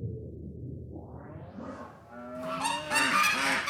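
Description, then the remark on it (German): Geese honk loudly and repeatedly in a noisy burst on a goose meadow, their harsh calls overlapping after a rising low rumble, as a fox tries to snatch one of the geese. “Das kommt von der Gänsewiese.”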